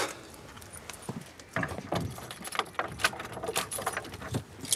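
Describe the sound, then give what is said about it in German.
Keys jangle and rattle as a lock is worked, followed by scraping clunks of a stiff door that jams a little being pushed open, a string of uneven metallic clicks and knocks. “Und die Tür einklemmt ein bisschen.”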